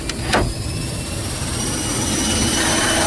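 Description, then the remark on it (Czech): Steady, loud roar of a cargo plane's jet engines with a thin high whine. It opens with a couple of short mechanical clunks as the cargo hold, loaded with three 600 kg crates holding horses, slowly closes before departure for Istanbul. “Kasa se pomalu zavírá a my odlétáme.”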